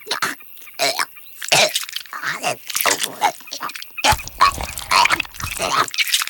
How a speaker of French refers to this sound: Oh, c'est dégoûtant, la chouette vomit. Comme tous les rapaces, la chouette effraie gobe ses aliments. Ils sont naturellement broyés dans son gésier, un sac situé avant l'estomac. Très efficace.